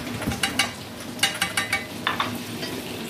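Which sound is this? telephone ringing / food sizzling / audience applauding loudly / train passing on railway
food sizzling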